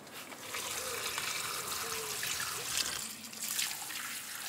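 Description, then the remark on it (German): Water pours steadily from a watering can onto tomato plants, a continuous splashing trickle that runs the whole time with slight surges, no voices heard. “Bei den Tomaten ist es unheimlich wichtig, dass sie nicht mit kaltem Brunnenwasser gegossen werden.”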